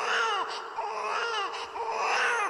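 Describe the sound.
A person fakes crying, letting out a continuous string of loud, wavering sobs and wails, with short catches of breath between the drawn-out cries.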